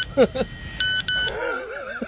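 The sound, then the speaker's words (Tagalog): A mobile phone ringtone: two loud, buzzy electronic beeps in quick succession, followed by a wavering, warbling melodic tone, with a brief voice heard just before it starts. “parang ibang ano yan, ha? Ibang ringtone yan.”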